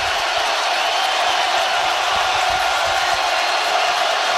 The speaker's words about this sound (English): Listen to this crowd. This is unbelievable.